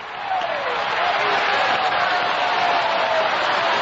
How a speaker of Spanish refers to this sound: Sigue aplaudiendo. Una ovación ahí grande para el grande de los grandes, Jesucristo. Oh, gloria a Dios.